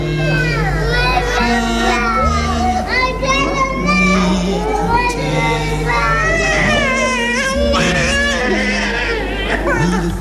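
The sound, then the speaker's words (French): Several young children, barely two years old, cry and shout at once at 9 in the morning as they are separated from their mothers, high wavering wails overlapping continuously, with a busy murmur of other voices underneath throughout. “9h ce matin, cris, pleurs, sanglots.”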